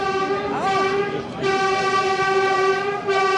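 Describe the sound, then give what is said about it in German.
An electric S-Bahn commuter train of the new S15 line in Berlin, linking the northern S-Bahn ring with the Berlin Hauptbahnhof, runs along the rails, its motors giving off a steady, loud whining hum with a brief pitch wobble, heard continuously throughout. “Die neue S15, sie fährt, verbindet ab heute den nördlichen S-Bahn-Ring mit dem Berliner Hauptbahnhof.”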